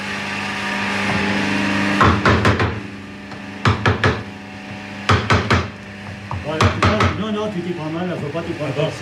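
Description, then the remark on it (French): Sharp hammer blows strike a tool held squarely against a piece of wood, landing in quick clusters of two or three hits, repeated several times over a steady background hum, with a voice murmuring near the end. “D'abord, faut tenir ton outil comme ça, et avec ton marteau, bien en face le morceau de bois, voilà.”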